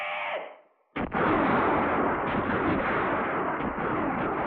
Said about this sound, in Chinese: 山谷里只是回荡着一阵阵敌人的乱枪声。伪军便衣队队长空打了一阵，就无可奈何地收起了枪。